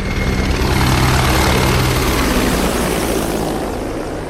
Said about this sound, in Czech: To byl průlet vrtulníku a teď už může začít samotná přísaha.